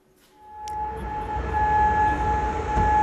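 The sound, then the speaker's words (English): A steady wailing air raid siren tone holds over a deep, rising rumble of background noise, sounding across Kuwait City as military air defences intercept missile and drone attacks. No one speaks. “Well, as you can hear there, sirens have been sounding across Kuwait City as the military's air defences intercepted the missile and drone attacks.”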